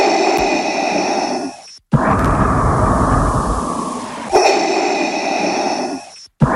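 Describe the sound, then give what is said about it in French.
Slow, heavy mechanical breathing of a villain through a respirator: a hissing inhale with steady tonal whine, then a rushing exhale, repeated in a measured cycle, loud with no talking. “C'est une respiration mondialement célèbre. Celle, bien sûr, du méchant Dark Vador dans Star Wars, La Guerre des Étoiles.”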